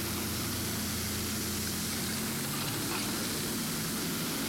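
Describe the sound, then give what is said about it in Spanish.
Heavy machinery works steadily in an irrigation canal at calle F y 4, where primary and secondary canals are being filled: a low droning engine rumble with layered harmonic hum under a constant broad hiss, with no voices. “Escuchá el audio, a ver, ¿a vamos a poner un poquito de audio, a ver. Está Fabián Cabrón ahí. Máquina trabajando.”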